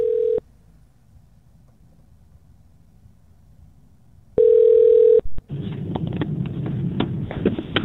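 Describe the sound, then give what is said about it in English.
A telephone ringing tone over a phone line as a call is placed from New Zealand to a hotel in Côte d'Ivoire (Ivory Coast), West Africa: two steady, low-pitched tone bursts separated by a long pause, followed by crackly line noise and clicks as the call connects. “All right, we'll give them a buzz now.”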